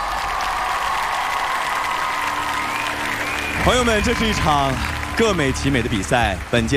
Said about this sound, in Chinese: 那还有欢迎我们来自世界各地热爱音乐的100位国际大众评审，掌声欢迎你们，谢谢 ，Thank you very much。